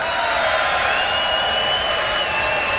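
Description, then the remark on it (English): A crowd screams and cheers loudly without a break, high-pitched shrieks and whoops riding over a dense roar of voices and clapping for the full three seconds, answering a call to give a scream for the guitarist during band introductions. “Y'all give him a scream.”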